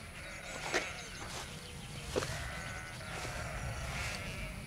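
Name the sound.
sheep bleating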